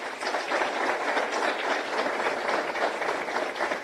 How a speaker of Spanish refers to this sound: Fuertes los aplausos.